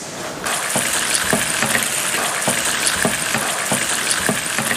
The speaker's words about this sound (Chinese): 我们这个锅一定要热透，要不然容易会粘锅。热透了以后倒油。 我们听准了要点啊，来。 我们放入鸡丁翻炒一下。 来，看老师，放入鸡丁。